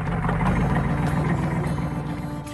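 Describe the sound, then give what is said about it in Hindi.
A truck that has pulled up and stopped outside the village school in Rastapal idles with a steady, throbbing low rumble that holds constant throughout, fairly loud and unbroken, with no voices. “रास्तापाल की पाठशाला के बाहर एक ट्रक आकर रुका।”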